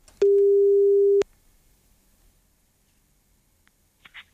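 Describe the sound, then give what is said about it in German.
A single steady telephone ringing tone sounds for about a second while a call to a person picked by lot connects, then gives way to silence and a few faint clicks. “Aber ich habe gelost und jetzt geht mein Bangen wieder los, ob ich denn auch diejenige oder denjenigen am Telefon erreichen kann.”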